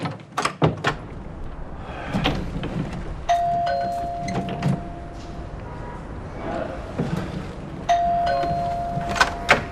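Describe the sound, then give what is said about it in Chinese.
A doorbell rings twice late at night, each a steady electronic chime held for a couple of seconds, a few seconds apart, over a noisy indoor background with scattered clattering and faint indistinct voices. “是谁呀？大晚上按门铃玩？”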